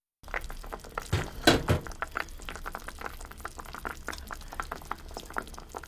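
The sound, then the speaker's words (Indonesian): Chicken broth simmering in a pot, the chicken cooked for about 20 minutes, a steady bubbling with dense, irregular pops and gurgles, one brief louder burst near the start, and no voices. “Daging ayam telah dimasak selama sekitar 20 menit.”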